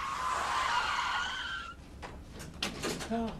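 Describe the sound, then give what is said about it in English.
Loud, sustained tire screech lasting a couple of seconds as a car going too fast skids out of control, cutting off into a series of sharp crunching impacts and clattering debris as the car flips. “He was going too fast and lost control, man. The car, it flipped.”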